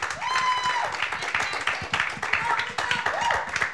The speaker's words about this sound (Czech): tak prosím potlesk za odvahu, že přihlásila písničku.